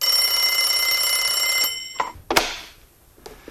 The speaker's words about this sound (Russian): Зазвонил телефон, и Нунан схватил трубку.